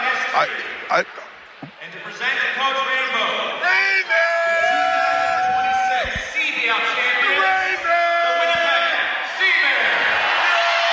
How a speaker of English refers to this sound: And there's the cannons go off with the gold streamers and confetti as they get the trophy.